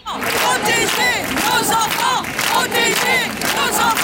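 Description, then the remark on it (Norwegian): A large crowd shouts and yells in sustained, overlapping waves of angry voices, loud and continuous with rising surges of raised cries throughout. “Det vekket både fortvilelse og raseri i folket da det viste seg at den mistenkte hadde blitt anmeldt flere ganger for seksuelle overgrep.”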